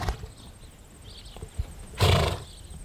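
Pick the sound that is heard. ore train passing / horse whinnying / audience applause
horse whinnying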